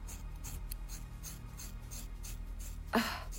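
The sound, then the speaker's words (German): Scissors crunch through a person's very thick, long hair in a run of short, rasping snips, fairly quiet, ending with one sharper, louder cut near the end. Nobody speaks. “Lisa hat sehr dickes Haar. Ich komme mit der Schere.”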